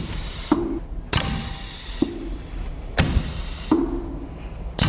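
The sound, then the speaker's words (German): A pneumatic valve clicks and rattles in irregular bursts, each sharp clack followed by a hiss of escaping air, about six times over a steady airy background. “Hier hört man so ein Ventil klappern, wie es Luft durchlässt.”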